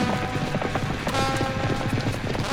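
Rapid, steady hoofbeats of horses galloping fast while pulling a carriage in Viejo California, a dense rhythmic clatter running continuously with a low rumble of the rolling carriage underneath.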